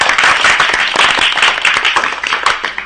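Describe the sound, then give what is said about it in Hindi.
A crowd applauds steadily to welcome students of Kanak Public School, Anjali Vihar, Kota, at a school programme, many hands clapping in a dense, continuous patter that stays loud and even for the full three seconds, with no voices standing out. “तो चलिए करते हैं बच्चों का स्वागत तालियों की गड़गड़ाहट के साथ।”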